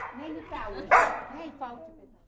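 A dog barks several times in quick succession, with one louder, sharper bark in the middle and softer yelps around it.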